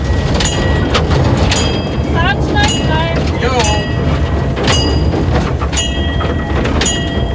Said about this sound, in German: Die Schlossgartenbahn in Karlsruhe. Ja, die kommt wenigstens pünktlich. Sorgen, dass die Klimaanlage ausfällt, müssen die sich auch nicht machen. Ja, und anscheinend scheint das Bordbistro ja auch immer geöffnet zu haben.